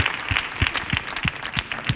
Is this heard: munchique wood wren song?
no